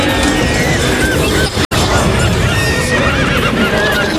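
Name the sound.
horse neighing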